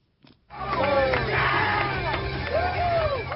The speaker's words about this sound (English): There were cheers, chants and a sea of red, white and blue with the LA Galaxy Park watch party as fans celebrated a well-deserved victory.